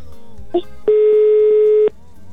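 A phone line's ringing tone sounds once, a steady electronic hum held for about a second, fairly loud, with a short blip just before it over a faint background.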